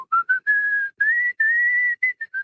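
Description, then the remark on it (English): A person whistles a melody, clear and steady, with a few short notes followed by longer sustained ones and a quick run of brief notes at the end. “And your whistles.”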